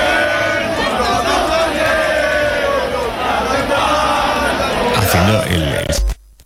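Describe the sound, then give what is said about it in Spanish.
A large crowd of mostly young people, many with Francoist flags, chants the political anthem 'Carro al Sol' in unison at the Puerta del Sol after the 12 October parade, heckling housing protesters camped there; many voices loud and sustained with a droning, sung melody, before the sound cuts off abruptly at the end. “Lo hicieron cantando el Carro al Sol.”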